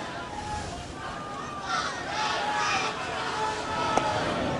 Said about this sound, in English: This crowd down below us, they've decided they are just going to cheer on Emmanuel DeJesus to the end of his outing here tonight, making some noise.